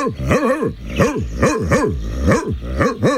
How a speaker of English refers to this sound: No, I'm just barking. I'm a dog. That's what I do.